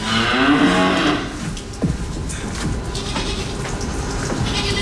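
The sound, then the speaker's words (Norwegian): Inside a cowshed at 5:30 in the morning, a cow lets out a long, loud moo, followed by softer lowing and shuffling amid the steady hum and clatter of the shed. “Och här ska vi rätt in i fjöset.”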